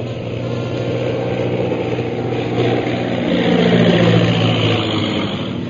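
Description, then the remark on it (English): A low-flying airplane engine drones steadily, a rough, throbbing roar that swells louder toward the middle as if passing overhead, then eases slightly. No voices. “Here comes one plane right at us.”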